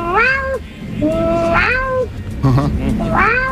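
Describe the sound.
A person imitates their own cat, letting out a series of loud, drawn-out meows with a short yowling squeak in between.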